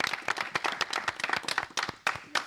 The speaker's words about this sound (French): Bravo à vous. Vous pouvez vous applaudir, les gars. Et les filles, bien entendu.